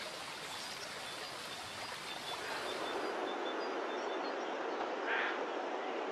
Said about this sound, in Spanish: torrentes y arroyos descienden del macizo de Anayet a un lado y del campanal de Izas al otro, engrosando con sus aguas el caudal del río.